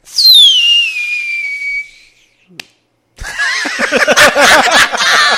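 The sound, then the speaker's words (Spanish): A whistling firework rocket gives a shrill, steadily falling whistle for about two seconds, then a pause and a small pop, followed by a loud, noisy burst of warbling, crackling sound. “Escucharon un cohete gay.”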